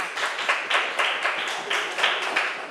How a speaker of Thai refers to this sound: เก่งมากค่ะกลุ่มสามปรบมือให้กลุ่มสามค่ะ